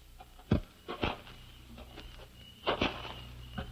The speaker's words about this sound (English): And suddenly you veer off and wait in the darkness. Then you hear the footsteps.